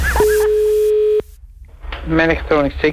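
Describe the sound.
A loud, steady electronic telephone tone sounds for about a second and cuts off abruptly; after a short pause, a person starts talking.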